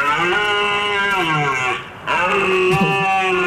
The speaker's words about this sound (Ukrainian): І, власне, звук оленя сьогодні треба буде повторити. Давайте послухаємо, як він звучить.